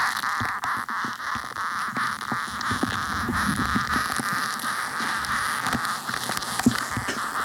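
Ants picked up by a soil probe: a steady, dense crackle of tiny scratching clicks and rustles, fairly even in loudness throughout, with a few sharper ticks poking out.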